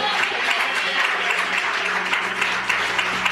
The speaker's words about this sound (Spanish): Alguien le da aplausos al Señor.